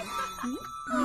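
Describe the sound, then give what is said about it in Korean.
A bright bell chimes with a warped, wobbling pitch that slides up and down, sounding out of tune, with a short surprised voice breaking in partway through. “종소리도 이상한데?”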